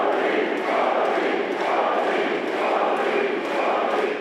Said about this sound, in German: Im Juli in Magdeburg jubeln ihm einige tausend Menschen zu.